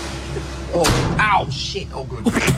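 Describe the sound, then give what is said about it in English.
An old door, not shut properly, bangs with a single loud thud, followed by creaky, rattling sounds, while voices murmur in the background. “So how old was that door? It sounded like you were closing the 1800s there.”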